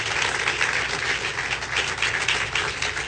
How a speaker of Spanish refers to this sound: Yo no sé si ustedes captan, y si lo captan, aplauda fuerte al Señor.